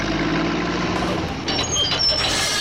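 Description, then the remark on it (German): Trucks and machinery at a summer construction site: a loud, steady diesel engine rumble throughout, joined partway through by brief high-pitched hisses and beep-like tones. “Und der Sommer, na klar, die Sommerferien sind auch die Zeit der Baustellen.”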